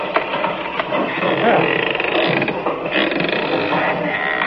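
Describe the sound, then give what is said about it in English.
A door being opened, its latch and hinges giving off a steady, fairly loud creaking and ratcheting rattle that runs for several seconds, with no voices over it. “And a good thing, too, or they'd seen that door open.”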